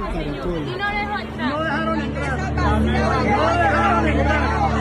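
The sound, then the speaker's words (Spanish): Steady crowd noise outside the door of the consulate in Atlanta: many overlapping voices chattering at once, a dense murmur that swells slightly louder in the second half, with a low rumble of traffic underneath. “Escuche usted lo que está pasando en la puerta del consulado.”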